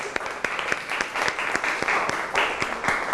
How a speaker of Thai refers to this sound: ขอเสียงปรบมือให้กลุ่มที่2ครับ